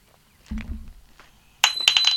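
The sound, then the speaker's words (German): A key falls out of a door lock by itself: a dull low knock, then a burst of bright metallic clinking and jingling with a thin, high ringing tone, fairly loud against an otherwise quiet background. “Jetzt ist der Schlüssel aus der Tür rausgefallen.”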